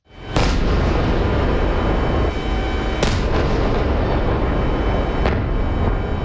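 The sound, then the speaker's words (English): Loud, booming explosions during an overnight attack on Ukraine by 656 drones and 73 missiles ring out in sequence: a sharp blast, another about three seconds later and a third near the end, each echoing over a constant heavy rumble. No one speaks. “Sounds from overnight in the country there.”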